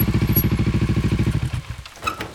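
A motorcycle with a sidecar chugs loudly in a steady rapid pulse as it drives along increasingly bumpy roads in the Congo in light rain, then fades and drops away, followed by a short high squeak or clatter at the end.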